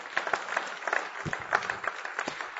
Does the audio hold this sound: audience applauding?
yes